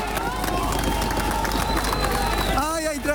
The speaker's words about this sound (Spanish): Gritos y aplausos acompañaron a los rescatistas que lograron sacarla con vida del edificio Ariguaní en Cali.